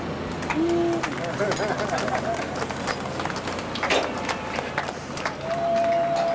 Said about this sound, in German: Und klatschen!